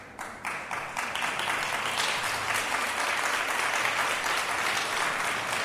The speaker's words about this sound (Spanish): ¿Cuántos ancianos hay acá? No, puros jóvenes. Un aplauso para todos los jóvenes.